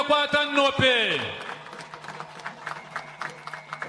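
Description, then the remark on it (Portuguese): A loud voice calls out in a long, falling tone, then an audience at a government event marking the arrival of a water supply breaks into scattered, uneven clapping that carries on steadily to the end. “Por isso queremos pedir uma grande salva de palmas.”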